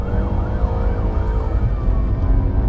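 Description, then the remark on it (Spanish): A police siren wails in rising and falling sweeps over a heavy, steady engine and road rumble, loud, as the patrol car heads out onto the road and races along fast. No one speaks. “La patrulla sale a la carretera y avanza rápido.”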